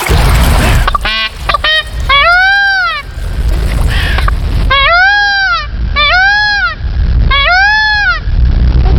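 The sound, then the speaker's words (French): Loud, nasal wailing cries of a male Indian blue peacock by a stream in a forest: a few short honks, then three long, rising-and-falling screams repeated at steady intervals over a rough, noisy background. “Pourquoi crie-t-il Léon ? C'est tout simplement son moyen de communication. Seul le mâle braille ou criaille.”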